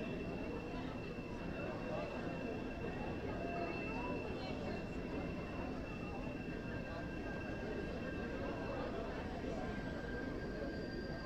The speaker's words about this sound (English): Train screeches on by.